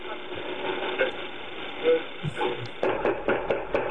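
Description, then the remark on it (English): Forceful, rapid knocking on a door by a SWAT team: a quick run of about half a dozen hard, hollow blows after a stretch of muffled, hissy background noise, all sounding thin and low-fidelity. “Sorry, but when you get a couple of people who didn't hurt anybody and break anything, and you send the SWAT team in, listen to how they knock on the door.”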